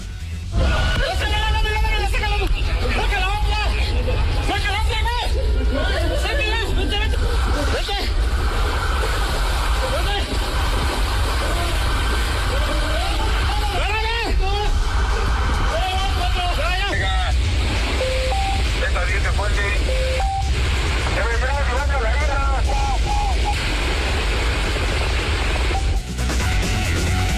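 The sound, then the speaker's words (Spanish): Excited voices call out over loud, steady rushing water as police rescue a driver whose vehicle was trapped in a flooded underpass in the city after heavy rain, with noise filling the whole recording. “Escuche usted, este es el momento en que los policías rescatan a un conductor que de plano quedó atrapado su vehículo en un bajo puente en la ciudad.”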